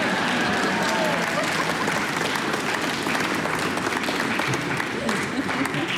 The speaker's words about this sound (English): It's okay to clap between movements.